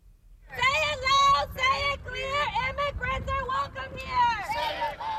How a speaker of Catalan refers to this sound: Són els crits d'una protesta improvisada a Houston, Texas, on l'FBI investiga la mort a trets d'un migrant mexicà a mans d'un agent de l'ICE, el Servei d'Immigració i Control de Duanes.